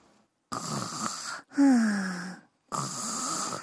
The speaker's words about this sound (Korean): 어? 어디서 코 고는 소리가 나는데?